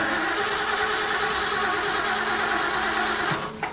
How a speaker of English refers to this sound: Looks like the president's car is out of gas.